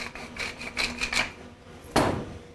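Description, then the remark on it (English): A pepper mill grinds fresh black pepper in a quick series of gritty, rasping twists, then falls briefly quiet before one louder crunchy turn. No one speaks. “But then I want to give it a little bit of pop with some fresh black pepper.”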